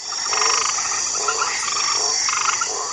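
A chorus of frogs croaks continuously, with pulsing, rasping calls repeating in bursts over a steady high insect-like drone; fairly loud, with no voices.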